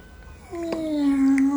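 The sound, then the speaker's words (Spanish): A single drawn-out meow, fairly loud, pitched low and held steady for about a second, sounding like a person's voice imitating a cat. “¡Miau!”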